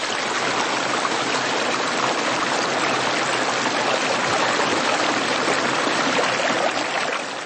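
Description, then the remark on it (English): Purim Creek flows steadily, its water rushing and babbling in a dense, constant wash of sound with no pauses and no voices. “the sounds of Purim Creek.”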